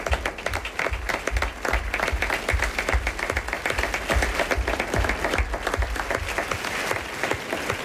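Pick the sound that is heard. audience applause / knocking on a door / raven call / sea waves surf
audience applause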